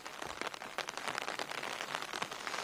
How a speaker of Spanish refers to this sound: Sí, nosotros nos encontramos en Comarruga, en la provincia de Tarragona, y aquí llueve sobre mojado, unos chubascos que están descargando 40 litros por metro cuadrado en muy poquito tiempo y que están dejando imágenes como esta,